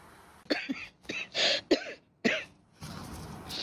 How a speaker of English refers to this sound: I'm sorry, coughing so often, but as long as the world still has heavy karma and we cannot clean it all up yet, this cough I have to carry. But it's clear, it's clean, it's not contagious or anything.